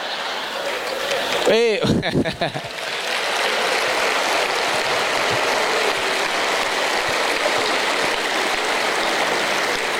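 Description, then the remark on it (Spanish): An audience claps steadily in a dense, even wash of applause that runs for several seconds, briefly interrupted near the start by a short swooping burst of sound. “Es la primera vez que aplaudan en esta parte.”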